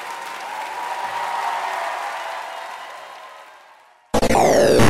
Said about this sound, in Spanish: firme, fuerte aplauso.